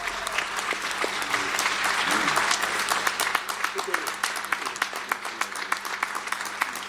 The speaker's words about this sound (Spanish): Un aplauso ahora.